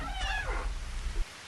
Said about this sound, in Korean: 뒤이어 사다리가 삐걱거리는 소리가 들려왔다.